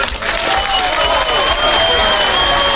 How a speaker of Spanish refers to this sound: Y un aplauso para el Chinche Fercho, que por fin pudo quitar del aire al Cheto.